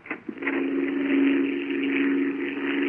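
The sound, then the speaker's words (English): A propeller airplane circling overhead drones steadily, its low engine hum holding one constant pitch with a rough, buzzing edge for the whole stretch. No one speaks. “there is a plane up there. Yeah, I hear it. By the sound, he's circling overhead.”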